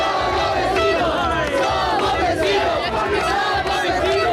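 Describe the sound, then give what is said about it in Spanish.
A loud, dense crowd celebrating at night in the Peñón cheers and shouts without pause, with applause and honking car horns blended into the steady roar. “lo oyen también en el Peñón, noche de celebración, aplausos y claxon.”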